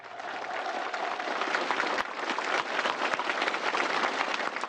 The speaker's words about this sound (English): Xi Jinping and Kim Jong-un repeatedly applauded the performers for their wonderful show.